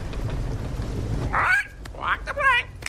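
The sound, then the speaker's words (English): A bird squawks three times in short, harsh bursts, each call a little apart, over a steady low rumble in the background. “What did the bird say?”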